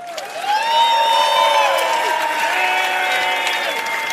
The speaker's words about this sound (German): Unser Patrick, einen riesen Applaus.